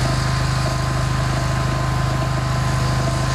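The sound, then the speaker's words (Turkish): A steady, loud motorized drone with a strong low hum and constant high-pitched whine from an agricultural drone sowing rice over water-covered paddy fields on the Karacabey Plain, Turkey, holding evenly throughout without pauses or voices. “Drone sayesinde hem yakıttan hem zamandan tasarruf sağlanıyor.”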